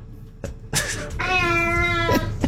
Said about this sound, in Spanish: Unos gatos para ustedes.